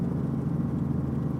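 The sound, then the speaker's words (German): A Robinson helicopter's piston engine starts up and runs with a steady, low droning rumble, constant in loudness, with no voices. “Der Robinson-Hubschrauber ist das meistverkaufte Luftfahrzeug weltweit.”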